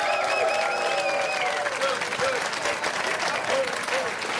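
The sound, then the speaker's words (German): An audience applauds steadily and loudly for a few seconds as Kirsten Fuchs is introduced, a dense wash of clapping with some faint cheering or voices mixed in. “Applaus für Kirsten Fuchs.”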